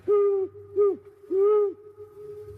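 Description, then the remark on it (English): An owl hoots three times in an uneven rhythm, each call a clear, steady, low note that drops off at the end, with a faint low hum underneath. “We call an owl gugugwes because it makes goo, goo.”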